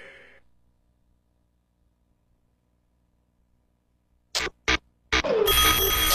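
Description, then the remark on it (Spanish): After several seconds of near silence, two short metallic clangs sound, then a loud, continuous alarm-clock ringing starts up and keeps going to the end. “Suena el despertador de turno mañana.”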